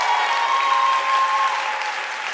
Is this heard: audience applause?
yes